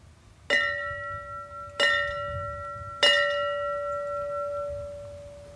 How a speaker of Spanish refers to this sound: De ahí que esta mañana se haya querido tener un especial gesto de cariño, haciendo sonar la campana que les llama al deber y que indica que han vuelto a casa. The first three rings represent the call to duty.